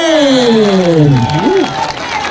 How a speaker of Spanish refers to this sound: regálenos un aplauso en esta noche.